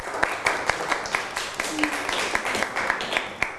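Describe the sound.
A group of students claps in a rapid, uneven patter of overlapping sharp claps that holds steady at moderate loudness for several seconds, with faint voices murmuring underneath.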